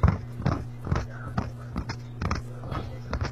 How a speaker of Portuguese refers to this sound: Isso aí é cavalo correndo